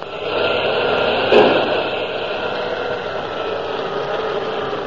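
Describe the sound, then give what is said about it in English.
A submarine engine runs hard at full speed astern, reversing the propeller to free it from seaweed, in a steady, loud mechanical drone, with one brief thump partway through before the continuous churning hum carries on. “We may be able to reverse the propeller and free it. Full speed astern, Lieutenant Reiner!”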